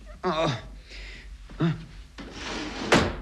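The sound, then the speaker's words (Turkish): An underwear drawer slides open with a scraping rumble, followed by a short thud, while a voice speaks briefly. “Bu çekmecede de ne varmış bakalım.”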